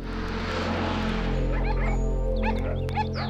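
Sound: dog barking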